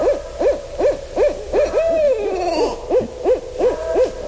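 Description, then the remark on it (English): A pair of barred owls duet in a rapid, overlapping series of rising and falling hoots. A long descending wail cuts through the middle, and the excited, cackling calls carry on loudly with no talking. “This is when a pair gets together and they're excited because maybe there's another barred owl getting into their territory, and they get really worked up”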